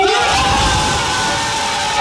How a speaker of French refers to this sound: L'annonce de son nom, les cris de ses coéquipiers ont été à la hauteur de la joie d'Esteban Le Poll.